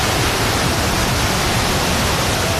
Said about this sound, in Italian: Sul Pira di Santa Monica, accarezzato dalle onde,